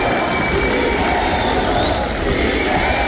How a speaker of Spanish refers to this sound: Hace poco más de una hora recibía las credenciales en un evento en el Gran Teatro Nacional. Fuera, sus seguidores la esperaban con banderas de Fuerza Popular y una gran ovación que continuaba al interior del acto oficial.